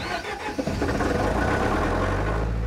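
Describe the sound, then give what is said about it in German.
A power generator engine, which preheats itself and is started by holding down the start button, cranks and catches, then settles into a steady, loud running drone with a low rumble and mechanical clatter. No voices are heard. “Also der heizt sich selbst vor. Da muss man eigentlich nur den Start gedrückt halten.”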